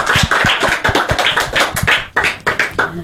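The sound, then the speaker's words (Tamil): A group on MOP community radio 107.8's Poonjolai programme applauds a speaker after her talk on Jawaharlal Nehru's life, a dense, steady patter of many hands clapping, sharp crackling slaps that run for about three seconds with no voices over them. “எல்லாரும் ஒரு பெரிய கைத்தட்டு கொடுக்கலாமா?”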